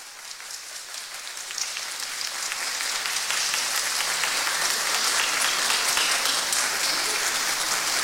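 A crowd claps steadily, a dense crackle of many hands that grows a little louder after the first few seconds and holds at a sustained level with no voices over it.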